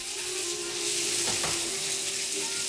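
A steady rush of water pouring from a tap into a bath as Al Capone runs himself a bath, a continuous bright hiss with a low hum beneath and a couple of soft knocks midway.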